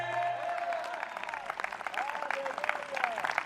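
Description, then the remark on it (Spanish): An audience applauds steadily during a sermon, many hands clapping in a dense, continuous patter that holds for the whole stretch, with faint voices and tones rising underneath. “Dele fuerte aplauso si entendió la metáfora.”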